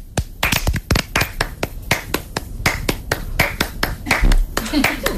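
Sharp, crisp hand claps repeat in a steady, quick rhythm from start to finish, fairly loud, with a few claps overlapping as if more than one person joins in.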